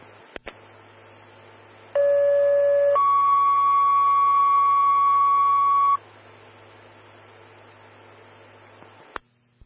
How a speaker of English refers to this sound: standby for tones on a service call for a lift assist.